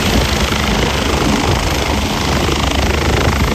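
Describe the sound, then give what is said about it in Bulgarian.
A medical helicopter (air ambulance), sent to a motorway crash scene and landing directly on the motorway to pick up an injured person, roars, its rotor and engine making a loud, steady wash of noise with a rapid low thudding underneath throughout. No voices. “Заради тежките травми на пострадалите към мястото е изпратен медицински хеликоптер.”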